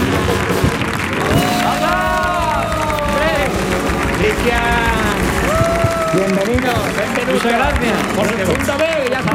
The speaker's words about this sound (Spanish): vamos a recibir con una fuerte ovación en el show del comandante Lara